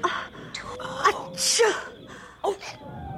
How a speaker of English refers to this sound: they heard your sneeze.